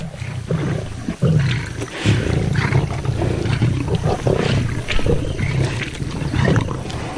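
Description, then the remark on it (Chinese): A male lion roars and growls in a long, deep, rumbling series of guttural bursts, loud and sustained with brief pauses between heaves. No one speaks. “可雄狮的到来打破了平衡。”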